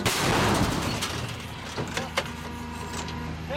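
An artillery gun fired by an artillery crew gives a loud, heavy blast that rolls and fades, followed by a couple of sharper metallic knocks over a steady low hum.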